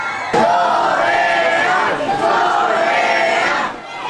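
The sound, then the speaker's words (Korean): A crowd of about 500 fans, local fans and Korean expatriates, gathered in front of the South Korean national football team's hotel in Mexico, chants "Daehan Minguk, Corea" together in unison, loud, a sustained rhythmic shouted cheer carrying on for several seconds before fading slightly at the end. “대표팀이 묵는 숙소 앞은 교민뿐 아니라 현지 팬들까지 500여 명이 몰려들어 다 같이 대한민국 꼬레아를 외쳤습니다.”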